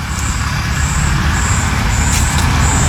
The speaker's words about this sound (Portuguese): Olha só a situação que tá aqui no Jardim Botânico, aqui do lado do Santo Antônio. Pessoal correndo aqui, os carros passando ali no fundo.